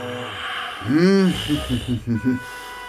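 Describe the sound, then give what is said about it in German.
A voice imitates snoring: one long, loud, pitched snore that rises and falls, followed by a quick run of short rhythmic snuffling snorts. “Doch der Gesang weckt zwar die Sonne, die jetzt am Horizont aufgeht, nicht aber den Mond, der einfach weiter schnarcht.”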